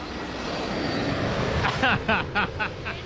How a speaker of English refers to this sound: Oh wait, it's a normal commercial plane. Everyone had their cameras out, and I was like, oh my gosh, they're coming back. It's a commercial plane, which we also love.